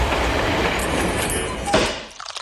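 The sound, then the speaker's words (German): A steam train running on rails during a steam locomotive ride combined with a Rhine boat trip near Breisach: a loud, steady rumbling rattle with clattering wheels and one sharper clack before the noise drops away abruptly at the end. “Eine Schifffahrt auf dem Rhein könnt ihr kombinieren mit einer Dampflokomotivenfahrt.”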